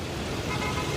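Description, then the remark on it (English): Steady low rumble of idling, congested daytime traffic on an eight-lane highway, vehicles starting and stopping bumper to bumper, then a loud car horn blares abruptly at the end; from the opening of the film Office Space. “Daytime, a traffic jam spans an 8-lane highway.”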